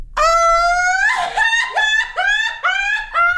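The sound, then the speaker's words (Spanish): A person lets out a loud, high-pitched 'grito del chamizal' shout, holding one sustained cry for about a second before breaking into a string of rising, wavering yelps. “Grito del chamizal.”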